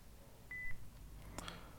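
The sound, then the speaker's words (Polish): A single short, high-pitched electronic beep from an Olympus voice recorder in standby mode, signalling that nothing is being recorded, clear against a quiet background, followed moments later by a couple of faint mechanical clicks. “To piknięcie sygnalizuje właśnie, że jesteśmy w trybie gotowości.”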